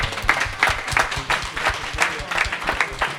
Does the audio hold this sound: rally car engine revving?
no